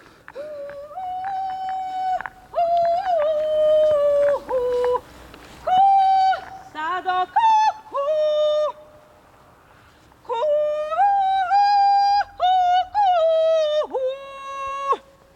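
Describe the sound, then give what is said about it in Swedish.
A woman's high, piercing kulning herding call, practised as a call to the cows in the area, rings out in sustained, sliding notes, sung in two long phrases separated by a short pause, with no other voices. “Jo, men jag står här och övar på ett lockrop eller en liten kulningsmelodi.”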